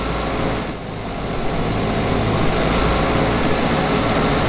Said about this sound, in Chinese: 突然，草地上响起了发动机的声音。